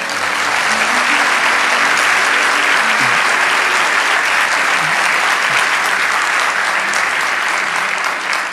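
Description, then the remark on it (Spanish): A crowd claps steadily for several seconds, a dense, even wash of many hands applauding at a constant loud level with no voices standing out. “Vamos a darle ese aplauso.”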